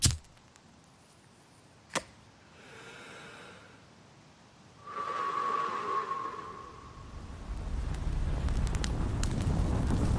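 A sharp strike and a brief whoosh give way to a steadily building roar of fire, the flames growing louder and denser toward the end with faint crackles, and no voices.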